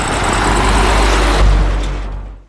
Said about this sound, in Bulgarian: Трафика продължава да върви по този път.